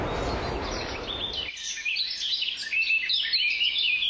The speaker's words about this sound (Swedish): fina vattenljud. Lite måsar och vågor. Bra skit.